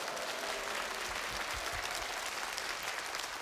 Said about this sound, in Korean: 이때 보통 박수를 쳐주시는데.